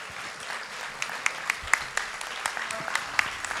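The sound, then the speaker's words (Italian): An audience at a sold-out band concert applauds the band's conductor in a steady, dense patter of clapping, with a handful of sharper individual claps cutting through at a moderate volume for a few seconds. “Abbiamo fatto un grande applauso ai bandisti, facciamolo al maestro.”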